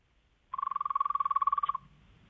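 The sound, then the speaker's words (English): A person imitates a frog with a rapid, rhythmic trilling croak, about twenty quick pulses in a steady buzzing burst lasting just over a second, loud, then stopping abruptly. “Well, let's finish with a frog. Hit us with it.”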